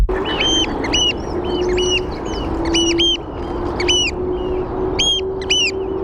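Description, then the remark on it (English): Two oystercatchers by the River Thames pipe back and forth in loud, shrill, repeated calls, one calling and the other responding, their bursts overlapping and alternating over a steady low background rumble. “There's two birds calling each other.”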